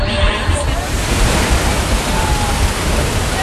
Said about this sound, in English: The majestic fall straddles the two countries.